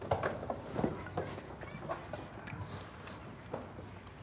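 Close, irregular scuffling and thumping of sheep hooves on the ground as an animal is chased and caught, with scattered knocks and rustles and no talking.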